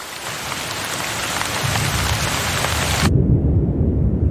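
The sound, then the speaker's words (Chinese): A brief December rain shower: steady, loud rain hisses while a deep rumble of thunder swells underneath; the bright rain noise cuts off abruptly, leaving only low rolling thunder. No one speaks. “12月短暂的降雨让气温凉爽不少”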